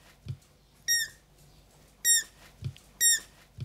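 A young roe deer fawn, kept by a wildlife rescuer, gives three short, high, thin squeaks from hunger, with a slightly falling pitch, spaced about a second apart. Soft low thumps fall between the calls, and no one speaks.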